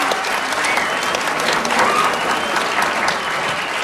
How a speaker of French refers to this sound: Applaudissez-les fort, s'il vous plaît. C'est pas facile.